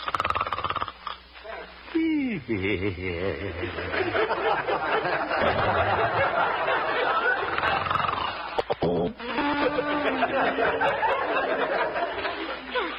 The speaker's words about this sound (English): Looking into the little house on 8th Avenue, we find the town's most popular radio figure, Honest Harold, the homemaker, gently snoring. And evidently having a very pleasant dream.